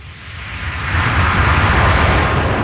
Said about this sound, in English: Comes from just like a straight up White Noise sample. And then automation. So automating the frequency sweeps, automating the volume, so turning it up and it hits a reverb and you have the reverb trails going out. And it sounded like the ocean.